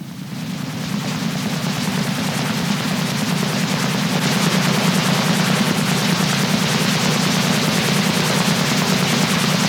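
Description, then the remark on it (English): A loud, steady military helicopter roar with rapid rotor chop and a deep droning hum, continuous as it hovers overhead for the whole stretch, with no voices. “I don't think it's a drone. I think it's a military helicopter.”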